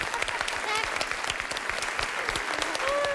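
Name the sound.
applause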